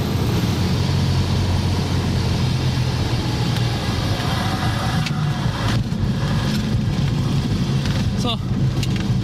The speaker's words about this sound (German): es geht in den Landeanflug. Ach du liebe Zeit, die Landebahn sieht aber klein aus von hier oben.